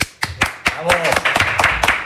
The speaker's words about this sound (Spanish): Cada día suena más cutre el tema de los aplausos. Hay que ir cambiando la camiseta, ¿eh?